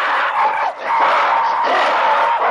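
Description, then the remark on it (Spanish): A dense, loud chorus of aggressive monkey screams, shrieks and grunts as two rival monkey groups confront each other across a waterhole, jumping and baring their teeth. The calls overlap continuously from several animals, with only a brief dip before the din surges again. “Los invasores no se arredran y responden con iguales gestos y gritos agresivos.”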